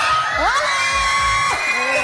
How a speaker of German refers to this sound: Ja, was da so ein Geschrei ausgelöst hat, was da abgerufen ist, das hörst du diese Stunde bei SRF Kids.